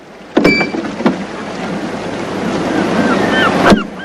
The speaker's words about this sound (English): He pockets the coins and pats down his suit as waves gently ebb and flow over the rocks of the bay.